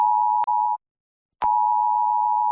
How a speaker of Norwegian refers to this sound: Dette en viktig melding fra politiet og sivilforsvaret. 10. juni klokken 12. Testes nødvarsel på mobil.